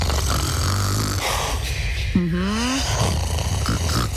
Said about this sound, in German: Ich muss ja erstmal ganz kurz sagen, ich mag das ja, ne? Also wirklich, wenn jemand neben mir schnarcht, ich mag das. Dann weiß ich, da ist jemand.